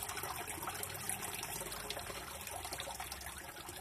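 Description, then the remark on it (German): Steady trickling water from a fountain at the Ranft, with three jets flowing inward and three flowing back outward, a continuous bright splashing flow with no pauses, moderately loud, with no voices over it. “So wie im Labyrinth oder eben das Wasser in diesem Brunnen.”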